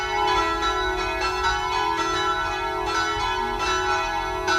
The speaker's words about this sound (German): Es ist 12 Uhr. Sie hören die Glocken des Kirchenzentrums St. Rupert in Fürstenbrunn bei Salzburg.